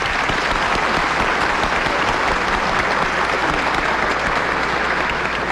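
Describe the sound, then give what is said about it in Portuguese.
An audience applauds steadily to welcome someone, a dense wash of many hands clapping at even loudness for several seconds without pause. “Por isso, nós nos alegramos com a sua presença e te acolhemos com a forte salva de palmas.”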